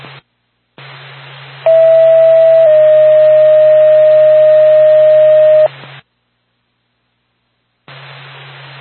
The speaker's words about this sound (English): RPAC, Lancaster, ambulance, stand by for a tone.